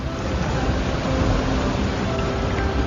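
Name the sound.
ocean waves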